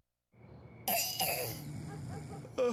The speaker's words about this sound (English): What's with all the coughing? Can't hear my cousin snoring.